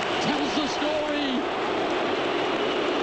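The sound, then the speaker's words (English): A loud, steady roar of a stadium crowd cheering after Tony Vidmar scores a third goal for Australia, edging closer to the World Cup, a dense wash of voices and applause that holds for the full three seconds, with a few individual shouts rising above it early on. “The crowd!”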